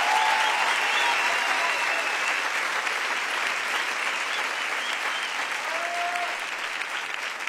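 Loud, sustained applause from a large audience, dense clapping filling the whole stretch at a steady level, with faint cheers or whistles rising briefly above it.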